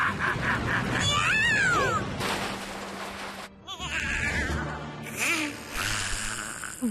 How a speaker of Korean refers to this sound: 고양이다. 뭐냐, 네 녀석은? 그런 쬐끄만 몸으로 이 타이거님한테 덤비겠다는 거냐?